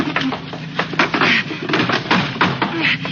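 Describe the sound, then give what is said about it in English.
A heavy table is dragged and shoved across a floor, with scraping and a series of uneven thumps and knocks as it bumps against a door. “Let's push this table against the door.”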